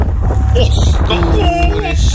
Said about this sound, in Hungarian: Ott, majd hallasz egy hangot, figyelj. Ez a szél. És egyszer csak ott jön.